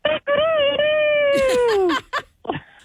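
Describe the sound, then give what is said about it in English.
A person imitates a rooster crowing: a short opening yelp, then a long, strained, high-pitched held note that slides downward at the end, followed by a few brief breathy bursts. “So I got a cock-a-doodle-doo now? I mean, if you want to.”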